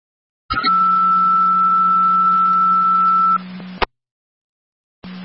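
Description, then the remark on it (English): Fire dispatch paging tones over a radio channel, the second set of tones for an EMS call to South Lockport: a sustained two-pitch alert lasting about three seconds that cuts off with a click, followed by a brief pause and the start of another tone. “Fire Control South Lockport, second set of tones for your EMS call, 6471 Cloverleaf Drive.”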